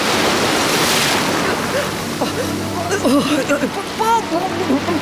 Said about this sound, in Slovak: Búrka a morské vlny ju opäť strhli pod hladinu. Ježibaba musela o dušu plávať, ak si chcela zachrániť aspoň holý život. Morské vlny si ju pohadzovali ako mokrú handru, až kým ju tá najväčšia nevyplavila na pobrežie.